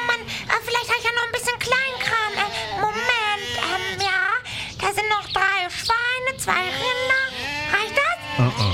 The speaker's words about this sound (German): Aber ich hab nur 30 Schafe dabei. Mama hat gesagt, nimm dir 30 Schafe und kauf dir ein Eis, solange ich mich mit den Herrn Postboten unterhalte.